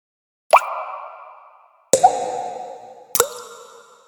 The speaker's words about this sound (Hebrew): אוי לא! חשב קד סדוק. עכשיו אני מבין. מים נוזלים החוצה מהסדק שלי.